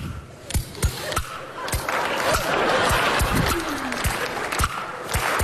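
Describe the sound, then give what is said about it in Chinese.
Audience applause and laughter fill the background while sharp, rhythmic wooden clacks of kuaiban clappers being struck by a performer on stage keep a steady beat, with a brief vocal whoop rising over the crowd noise. “看我的， 哎， 我一打板，观众报以热烈的掌声。”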